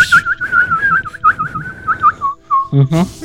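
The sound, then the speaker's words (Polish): A person whistles a bird call: a steady, mid-high warbling tone with quick repeated trills for about two and a half seconds, then a short, sharp burst of noise at the end. “To żeś wywołał ptaszka z lasu.”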